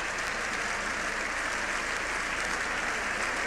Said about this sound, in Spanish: Sexto minuto de ovación de pie. Y le gritan de nuevo, ¡viva el Papa!